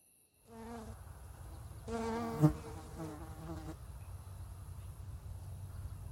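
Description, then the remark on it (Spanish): An albino fly of Lake Texcoco, an insect endemic to the Valley of Mexico, buzzes in two bursts, a short one followed by a longer, wavering drone of a few seconds, over a steady low background hum with no voices. “La mosca albina del lago de Texcoco es un insecto endémico del Valle de México.”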